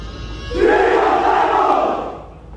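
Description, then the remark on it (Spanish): A large crowd shouts in unison at a military oath ceremony in Spain, a sustained, loud collective roar that swells in and holds for about a second and a half before fading out, with no individual talking. “Nos has mandado unos sonidos, creo que de gritos, ¿no? En el momento de la jura”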